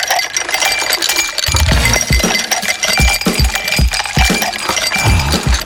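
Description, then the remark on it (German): Ice cubes clink and tumble against each other continuously, a bright, dense rattling with repeated heavier knocks, fairly loud, with no voices. “Stellt euch vor, Liegestuhl, Schatten, kaltes Getränk und direkt neben euch ein riesiger Pool voller Eiswürfel.”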